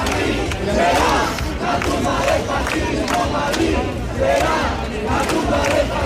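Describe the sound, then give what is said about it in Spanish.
Protest campers at the Sol encampment chant and shout in unison in response to insults from ultra and Nazi groups, a steady, loud roar of many voices with rhythmic swells of call-and-response throughout. “Ante estos insultos e increpaciones responden así los acampados.”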